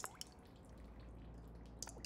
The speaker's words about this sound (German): Das Wasser von der Wanne tropft schon seit Wochen. Dann ist eine Dichtung kaputt.